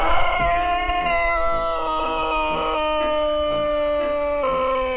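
A Serbian Sanchak long-crowing rooster, let out in an open-air chicken area, gives a drawn-out crow holding one steady, droning note for several seconds, sounding almost like a howl, loud with no talking.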